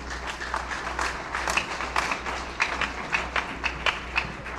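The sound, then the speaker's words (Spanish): An audience applauds, giving applause to the Lord, many hands clapping in a dense, steady patter with a few sharper claps standing out, holding at an even, moderate level throughout with no voices. “Démosle ese aplauso al Señor.”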